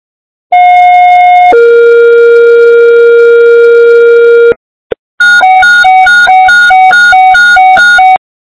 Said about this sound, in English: East Fire, stand by for tones.